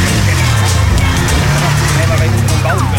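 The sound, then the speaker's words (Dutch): Loud, steady roar of traffic on the A28 motorway, heard from beside the road, cars rushing past in a dense rumbling wash of engine and tire noise that never lets up. “Ik sta langs de A28. Ik kan al die auto's gewoon voorbij zien sjezen.”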